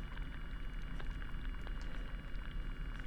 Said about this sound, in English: listening to a hydrophone recording made at low tide. In a saltwater bed. And the sounds that you are hearing are mostly seaweed and sea urchins, according to the recordist.